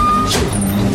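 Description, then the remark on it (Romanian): A truck engine rumbles steadily for a second, with a brief hiss of air partway through and a faint high tone at the start. “Un motor, un camion.”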